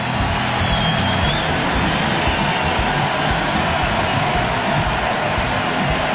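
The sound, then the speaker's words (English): A loud, sustained roar from a large baseball stadium crowd applauding pitcher Jacob Mizorowski as Pat Murphy takes him out after a 101 mph strikeout, a steady wash of cheering and clapping that holds at the same intensity for several seconds with no single voice standing out. “Miz not happy about it, but he's going to get a roaring applause from the crowd. Listen to this.”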